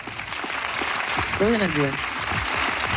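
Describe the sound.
An audience claps steadily, a dense crackling wash of applause that lasts the whole three seconds, with a brief voice speaking over it about halfway through.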